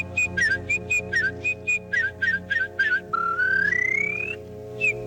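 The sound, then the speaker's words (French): A warbler's song: bright whistled notes repeated in quick, even bursts, then a long upward-sliding whistle and one last short note, clear and alone over a faint steady hum. “Tiens, un rossignol. Vous avez entendu planter ? Un rossignol à cette heure-ci ? Ça m'étonnerait, monsieur. Enfin, je n'arrive pas, le rossignol. C'est bien... Ah non, c'est la fauvette, monsieur.”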